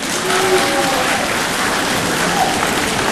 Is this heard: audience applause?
yes